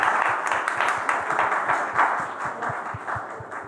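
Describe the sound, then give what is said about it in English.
Sustained applause from a large audience welcoming Admiral Swaminathan on stage at the NDTV Defence Conclave 2026, a dense wash of many hands clapping at a steady, fairly loud level throughout, with no voices standing out. “Can we please welcome him with a huge round of applause?”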